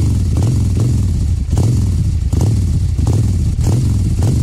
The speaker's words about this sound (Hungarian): Na és lesz motoros effekt, ezt pedig már is mutatom, na figyúzd!